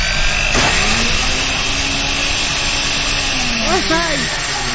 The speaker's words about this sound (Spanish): Te lo juro que en cuanto saque al mercado una licuadora que no haga ruido, seré la primera en comprarla para no aturdir esos bellos oídos que me escuchan del otro lado.